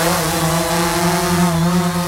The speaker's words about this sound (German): So könnte sich das anhören. Da fliegen nämlich einige Drohnen hin und her und einige Radio Essen-Hörerinnen und Hörer haben uns gefragt, was es damit auf sich hat.